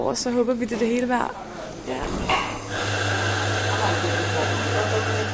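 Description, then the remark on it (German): An espresso machine in a foyer starts up at 3:45 in the morning with a steady, droning mechanical hum and hiss that runs unbroken to the end, following a moment of voices and clatter in the echoing foyer. “Irgendwo im Foyer läuft schon eine Espressomaschine.”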